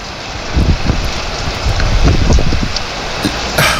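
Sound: rain falling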